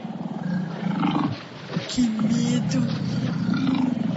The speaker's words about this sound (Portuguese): Vamos lá fazer de novo só pra ouvir o leão agora. O leão. Lá na arca de Noé havia muitos animais. Todo dia Noé ouvia o leão fazendo assim.